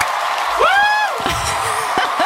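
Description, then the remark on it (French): A crowd-cheering sound effect: a short, dense burst of crowd noise, with one loud whooping shout rising and falling over the roar, then scattered yells as it continues. “Pourquoi il y a une foule qui nous entoure?”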